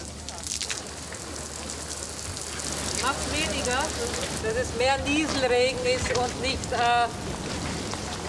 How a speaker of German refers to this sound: Macht weniger, dass es mehr Nieselregen ist und nicht Platzregen. Noch feiner, kleinere Tropfen.